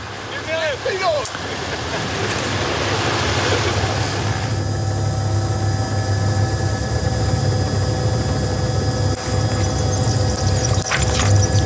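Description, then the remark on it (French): A steady, droning helicopter engine hums throughout at an even level, with a voice briefly audible over it at the start; a helicopter filming over Granada, Spain, and the Alhambra. “Et on a encore ces merveilleuses images d'hélicoptères de Grenade avec l'Alhambra, l'ensemble de l'Alhambra, la citadelle arabe la plus spectaculaire du monde, qui est le véritable symbole de cette ville de Grenade”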